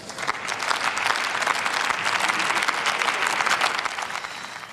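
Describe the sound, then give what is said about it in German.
Sustained applause from a large audience in the German Bundestag, from the speaker's own party ranks and from the SPD, for Union leader Jens Spahn. Dense steady clapping at a fairly even volume for several seconds, with no voices over it. “Jetzt Applaus aus den eigenen Reihen und auch aus den Reihen der SPD hier für den Unionsvorsitzenden Jens Spahn.”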